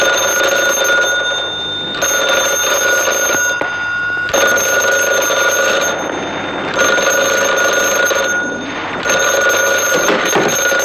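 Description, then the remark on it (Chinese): A telephone rings loudly, its harsh metallic bell sounding in repeated bursts of about two seconds with short pauses between, continuing throughout with no voices. “接电话。”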